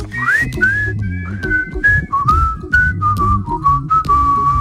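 A bright whistled melody glides through a cheerful tune, sustained and clear, with a steady low musical backing underneath.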